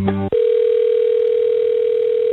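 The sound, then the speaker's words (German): A telephone ringing tone as a radio station calls IKEA: a short buzzy blip, then a steady, mid-pitched electronic tone that holds unbroken for about two seconds before cutting off. No one speaks. “apropos Schweden, gestern habe ich einen Tag später nach dem grossartigen Sieg und Einzug ins Halbfinale gefunden, komm, wir läuten mal den IKEA.”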